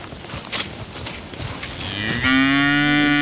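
A Hereford cow, kept to be eaten next year, lets out one long, loud moo that rises in pitch and then holds a steady, rich, harmonic tone. Before the moo there are a couple of seconds of quiet rustling.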